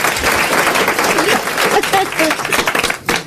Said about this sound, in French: C'est fini! Ça y est, vous pouvez rire, vous pouvez applaudir.